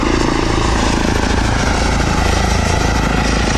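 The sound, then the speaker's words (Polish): A small electric propeller plane hums steadily overhead, its blades giving a constant, whirring drone that stays steady throughout, with no one speaking; the electric plane is very quiet compared to a helicopter. “No w porównaniu do helikoptera jest mega cichy.”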